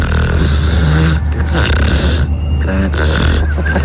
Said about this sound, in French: Je crois qu'on les entend bien les trucs ronfler, non? Elles ronflent bien là.